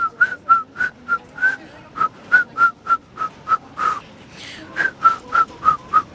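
A 14-year-old girl whistles a melody by Carl Nielsen live on the pedestrian street in Odense: a steady run of short, clear, bright notes in a bouncing rhythm with a brief pause midway, fairly loud, with no talking.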